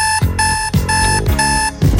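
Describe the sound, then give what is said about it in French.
A loud alarm clock rings with a harsh electronic buzz, pulsing in four quick repeated bursts about half a second apart, with no one talking. “J'ai cassé mon réveil.”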